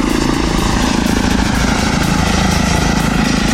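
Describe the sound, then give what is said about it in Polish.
An electric airplane drones overhead with a steady propeller hum and low whirring tones, much quieter than a helicopter, holding constant and fairly loud throughout with no voices. “No, w porównaniu do helikoptera jest mega cichy.”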